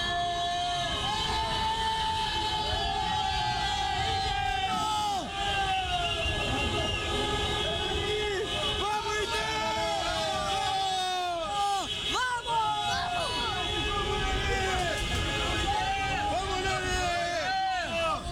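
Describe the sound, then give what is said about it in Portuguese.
Many car horns of fans in a parking lot blare together to celebrate an Inter goal and win, in a loud, overlapping chorus of sustained tones that bend and shift throughout, layered over a steady wash of crowd noise and shouting voices. “agora o torcedor estava aqui no estacionamento e eu quero ouvir mais uma vez a buzina para o gol do Inter, para essa vitória que vai iniciar a nossa recuperação.”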